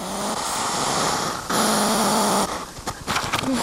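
A hedgehog, very near the microphone, huffs loudly in long, rough, breathy bursts with a low growling undertone, ending in a run of quick, choppy puffs. No one speaks.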